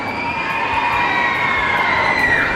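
A large crowd waiting outside a basilica cheers and shouts without pause, a loud, dense wall of voices with sustained high calls rising above the roar throughout.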